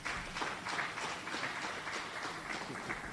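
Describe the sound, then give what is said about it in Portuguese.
An audience at a provincial assembly session claps together in a steady, dense patter of applause that holds at an even level for a few seconds, with no voices rising above it. “Então, palmas, se for isso.”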